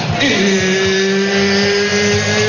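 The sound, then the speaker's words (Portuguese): An electric drill, a gift for a father, spins up quickly and then runs at a steady, loud whine, its motor hum holding an even pitch with bright overtones for a couple of seconds, with no talking. “Papai ganhou uma furadeira, isso mesmo, tá chegando o dia dele.”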